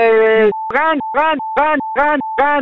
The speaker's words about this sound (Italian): E quello è il clacson dei veneti. Loro hanno questo clacson uguale.